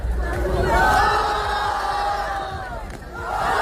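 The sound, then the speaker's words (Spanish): At a street battle, a dense circle of spectators roars and yells in a sustained wall of voices, cheering and jeering loudly for several seconds at two young men battling in the center, with individual shouts rising out of the steady noise. “A ver, un círculo de público que aplaude o abuchea a dos chavales en el centro batallando.”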